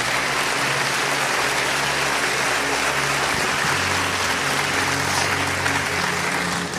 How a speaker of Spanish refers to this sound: Amén. Puede sentarse. Y démele un aplauso al que reina para siempre.